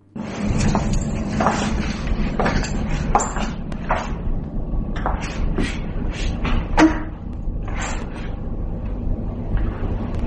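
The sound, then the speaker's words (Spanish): A string of irregular footsteps, made by women wearing the kind of shoes nurses wear, and knocks over a steady low rumble, followed by the short clunk of a chair being set down; no one speaks. “Vamos a ver si sois capaces de apreciar y de oír esos, se oye como unos pasos y como después como si se colocara una silla, ese ruidito de una silla, ¿vale?”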